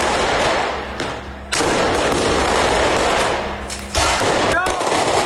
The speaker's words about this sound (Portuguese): Acenderam o rojão. Tá acendendo. Olha lá, foi.